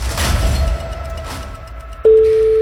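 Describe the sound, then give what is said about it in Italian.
A low rumbling hum gives way to a loud, steady telephone ringing tone near the end, the first single unbroken ring of a phone call. “Primo squillo.”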